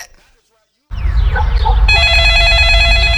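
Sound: telephone ringing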